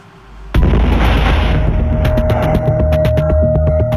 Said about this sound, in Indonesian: Ruko di kawasan Pasar Cimanggis, Ciputat, Tangerang Selatan diguncang ledakan Rabu malam. Sejumlah bangunan 2 lantai rusak parah.